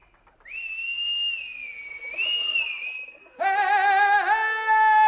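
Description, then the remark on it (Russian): A loud, piercing whistle from a boy driving pigeons into flight, held for about three seconds with a slight rise and dip in pitch. A second, fuller and brassier whistle follows at once and carries to the end. No one speaks. “Ну, делать нечего, голубей гоняет, небось, буржуйский сынок.”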